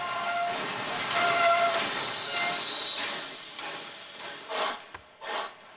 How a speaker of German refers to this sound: Genauso wichtig ist auch das Fotografieren der alten Züge. Die Fotos sind gemacht, der Zug rollt zurück, damit die Leute einsteigen können.